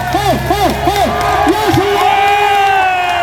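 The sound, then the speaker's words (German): The audience at an RTS Deutschland event cheers loudly and steadily, with repeated rising-falling whoops and shouts over a dense roar of voices. “Ja, also ich glaube ja, am meisten Bock hattet ihr auf die gute Stimmung und wie krass gut die war, das können wir uns jetzt mal anhören.”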